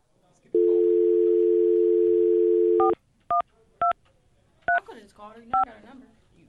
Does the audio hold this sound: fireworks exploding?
no